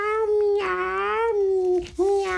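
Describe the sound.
A voice imitates a cat meowing as the character Lallo, a little horse, meows: a loud, drawn-out wavering tone that breaks off briefly near the end and then resumes.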